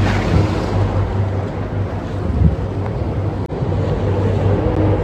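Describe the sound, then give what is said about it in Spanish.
A river ferry churns steadily across the River Thames in London on a cloudy, rainy morning, its low engine drone and splashing wash filling the scene, with gusts of wind buffeting the microphone throughout. “Seguimos aquí por el río Támesis en esta mañana bastante nublada, de pronto llueve, pero no nos evita que podamos disfrutar de esta ciudad.”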